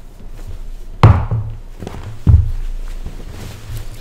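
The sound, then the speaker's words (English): Father Rutledge's chair being moved back: two heavy wooden thunks about a second apart, with faint shuffling and scraping between them and no talking. “I'm going to sit on Father Rutledge's chair. I just got to move it back.”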